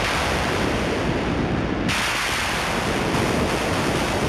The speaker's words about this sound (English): Like there's one raga Meghmahar. And so this one, you know, starts with these sort of synthesized thunder sounds. And it's a callback to this idea of clouds, rain, monsoon.